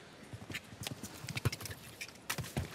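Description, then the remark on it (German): A horse's hooves thud in a quick, rhythmic cantering pattern on the final approach to a water jump in a show-jumping round, with a steady beat of hoofbeats against a soft background of ambient noise and no talking. “Ah, die Unsicherheit schon auf den letzten Metern zum Anritt des Wassergrabens hin spürbar. Innerhalb des Pferdes.”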